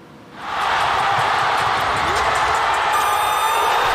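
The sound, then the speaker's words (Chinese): A roaring crowd in Shanghai Gymnasium erupts into loud, sustained cheering after a brief quieter moment, as Goodwin's buzzer-beating three-pointer wins a basketball finals game 91-88; the dense wall of voices and whoops holds steady at full volume throughout. “上海体育馆在炸裂的欢呼声中见证了这场窒息般的绝杀胜利。”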